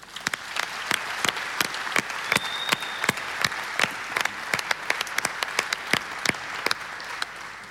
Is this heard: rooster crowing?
no